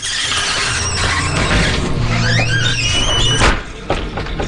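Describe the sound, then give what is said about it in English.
The men's room door at Flanagan's Pub swings with a long, rising squeal of its hinges, loud, ending in a thud as it closes, over a steady murmur of background noise. “That was the door to the men's room.”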